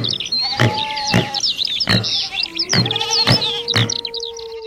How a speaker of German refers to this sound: Und? Hast du alle Tiere erkannt? Genau. Das waren Vögel, Ziegen, Wildschweine und ein Wolf.